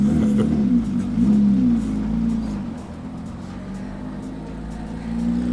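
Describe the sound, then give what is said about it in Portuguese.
A rally car engine, Artur Quintal's car approaching, drones steadily and loudly, its pitch rising and falling slightly as it revs, with continuous low rumble throughout and no speech. “Mas já a chegar perto de mim, Artur Quintal.”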